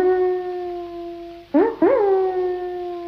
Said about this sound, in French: Écoutez ce chien qui hurle à la lune.